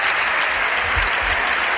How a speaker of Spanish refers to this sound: que apoyan a Ana Belén Vázquez, que la animan, que se indignan con esta decisión de Francina Armengol y que incluso llegan a ponerse de pie, ovacionando y vitoreando a la diputada que acaba de protagonizar este momento.